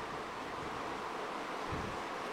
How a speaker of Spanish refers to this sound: Mire, ¿escucha la lluvia?